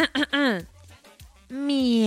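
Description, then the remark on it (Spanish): A person imitates a cat meowing, giving two drawn-out, tonal meows with a gap between them. The first bends in pitch and the second holds steady and slightly louder. “Mándame un miau.”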